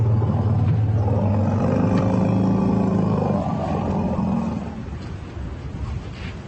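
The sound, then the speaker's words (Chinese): Two elephant herds exchange greeting calls: deep, overlapping rumbles with rising and falling tones and occasional roars, loud and continuous for several seconds before easing off toward the end. “当然，在大象的家族中，问候方式也经常改变。下面是两个象群之间的会晤。”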